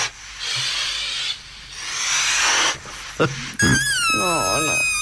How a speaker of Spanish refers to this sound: Sí, sí. Ah, mira qué bonito lo que estamos escuchando. A ver. Bonito. Claro, está hecho con globos el tema. Es bueno. Es bueno, Es muy bueno.